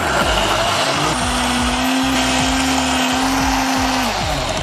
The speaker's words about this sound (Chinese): 像这花生、芝麻是不是都是熟的？ 都是炸过的，破壁机把它打碎， 来，全部倒入破壁机当中。